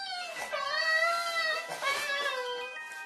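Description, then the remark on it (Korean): A pet named Mandu cries mournfully in two long, high-pitched wavering wails, each starting with a sharp rise and then sliding slowly downward, loud and continuous with no talking over them. “한동안 만두의 구슬픈 울음소리가 계속됐죠.”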